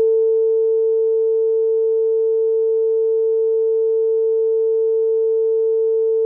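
A steady phone line tone, a single unbroken mid-pitched hum held at an even, fairly loud level for several seconds with no voices.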